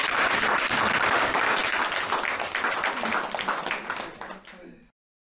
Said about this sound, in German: Vielen Dank. Ja, jetzt könnte man eigentlich klatschen. Ja.